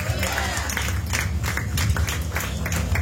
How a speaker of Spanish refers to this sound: Dale esa ofrenda de palmas. Fuerte de nuestro Dios, a su nombre.